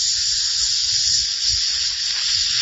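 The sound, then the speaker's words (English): A steady, loud sizzle of a hibachi grill sound effect, with a dense continuous hiss and a low crackling rumble underneath, lasting a few seconds with no talking. “It's like a hibachi grill back at Benihana, full sizzle.”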